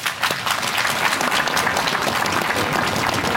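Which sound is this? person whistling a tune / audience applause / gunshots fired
audience applause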